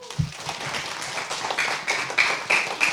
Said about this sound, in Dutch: Hé, hey, dankjewel. Ja. Applaus